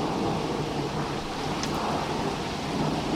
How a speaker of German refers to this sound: Boah, da haben sie richtiges Gewitter da oben, oder? Wow. Ah, jetzt wird es besser, das Gewitter. Jetzt wird es besser.